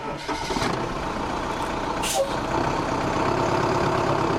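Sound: bus engine running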